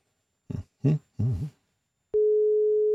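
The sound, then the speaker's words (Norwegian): A steady, pure telephone ringing tone, calling participant number two, starts abruptly after a few short vocal-sounding bursts and holds evenly, fairly loud, until the end. “Skal vi ringe en deltaker nummer to? Ja, da ringer vi deltaker nummer to.”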